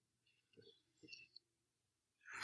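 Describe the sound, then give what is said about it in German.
Soft paper rustles as pages of a Bible are turned, two faint brushing flicks followed by a louder swish of a page at the end, with no talking. “In 2. Petrus 1,21, Janka mir noch zu blättern.”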